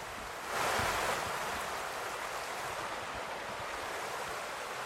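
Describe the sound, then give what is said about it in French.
Steady rushing water of the Cure river flowing under a small single-arch stone bridge at Pierre-Pertuis in the Yonne, France, a broad continuous hiss, swelling slightly at the start and then holding even, with no voices. “ils nous ont donné rendez-vous dans l'Yonne à Pierre-Pertuis, sur un petit pont de pierre qui enjambe une rivière, la Cure.”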